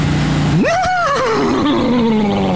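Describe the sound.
A person at a Kentucky Derby celebration imitates a horse's whinny: a low voiced tone jumps sharply to a high, strained pitch, then wavers and slides back down over about two seconds.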